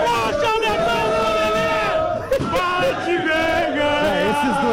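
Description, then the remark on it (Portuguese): A large crowd of Grêmio football fans chants and sings together at the arena ahead of the Grenal match, a loud, continuous wall of many voices with rising and falling melodic lines and brief shouts. “É a torcida, do Grêmio na arena, onde estamos com o nosso posto avançado para o Grenal de logo mais.”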